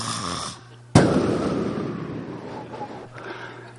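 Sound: voice imitating loud snoring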